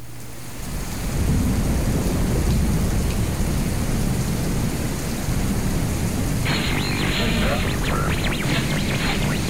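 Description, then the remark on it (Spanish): A thunderstorm: heavy rain pours steadily while deep thunder rumbles through the low end, swelling in after a brief quieter start and staying loud and continuous to the end. “Cuando la tormenta apaga las luces y el mundo digital enmudece”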